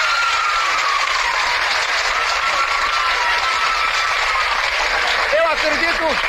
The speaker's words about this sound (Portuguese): Uma salva de palmas para a Marta Rocha.